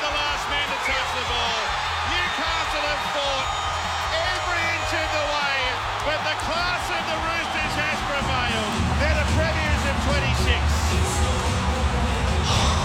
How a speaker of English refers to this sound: Oh, just listen to that crowd.